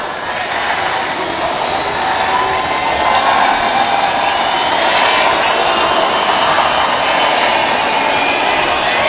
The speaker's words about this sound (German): Zu hören waren 15.000 Raver, die gleichzeitig der Techno-Queen … ein Geburtstagsständchen geträllert haben.